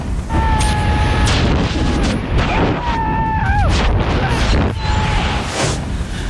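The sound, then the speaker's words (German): A skydiving jump from a plane: a loud, unbroken roar of rushing wind buffets throughout, with a few brief high-pitched cries or whistles rising above the blast. “Aber er war wirklich, muss man sagen, vielleicht war es die Ruhe vor dem Sturm, Freddy, weil der Absprung klang dann nämlich so.”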